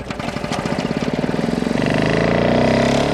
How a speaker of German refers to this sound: Ein sehr probates Instrument, sich aus seinen Sommerträumen wieder aufzuwecken, ist der Rasenmäher.